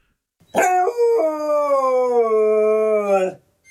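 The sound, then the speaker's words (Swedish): A dog named Luffe lets out a single loud, sustained howl lasting about three seconds, starting with a short yelp before settling into a long, wavering, mournful tone. “Gordon visste inte att hundar kunde yla så högt.”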